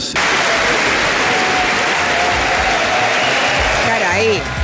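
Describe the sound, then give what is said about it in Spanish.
Thunderous, sustained standing ovation from the entire Congress fills the whole stretch without a break, dense and steady, with a voice briefly rising over it just before the end. “Todos aplausos, aplausos en pie.”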